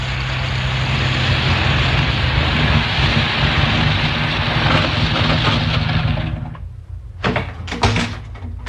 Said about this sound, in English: Can you hear something? A car. And coming from that direction? Must be the police. Yes, you can see the fog lights now.